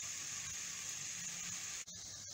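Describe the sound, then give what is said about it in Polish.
A cocoa pancake sizzles steadily in a hot frying pan, a continuous bright crackling hiss, with a brief drop near the end before it carries on. “Naleśnik się smaży fajnie, fajnie na patelni się smaży.”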